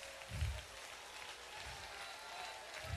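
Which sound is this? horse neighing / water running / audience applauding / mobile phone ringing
audience applauding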